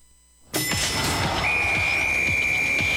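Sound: referee's final whistle blast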